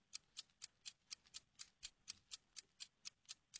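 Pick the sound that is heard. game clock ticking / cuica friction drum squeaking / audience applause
game clock ticking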